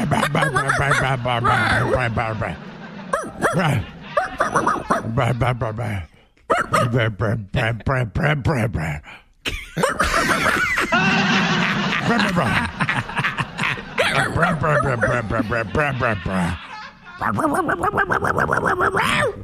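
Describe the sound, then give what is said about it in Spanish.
Two people trade loud, rapid imitation dog barks back and forth in a mock barking fight, with gruff yelps and growls packed closely together and only brief pauses between the bursts. “nos vamos a pelear a ladridos.”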